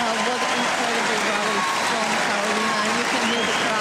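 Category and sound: crowd, tennis crowd applauding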